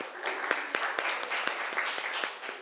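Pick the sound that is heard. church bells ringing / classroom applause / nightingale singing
classroom applause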